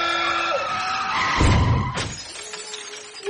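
A car's tires squeal in a long, loud skid as Dorothy drives her lover Jules's car, then a heavy crash bursts out with shattering glass and debris clattering for a moment afterward, with no one speaking.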